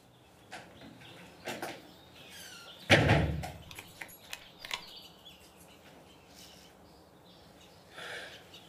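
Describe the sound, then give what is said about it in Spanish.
A door shuts with a single loud thud a few seconds in, followed by faint clicks and quiet background noise; nobody speaks. “Cierra la puerta.”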